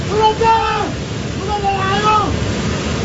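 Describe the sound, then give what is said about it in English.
A loud, steady roar of rushing floodwater from a torrential flash flood, triggered by a towering mass of mud and rock tumbling into a river in Nepal's Himalayan border region, with people's voices calling out over the churning torrent. “This one shows a towering mass of mud and rock tumbling into a river, triggering a torrential flash flood.”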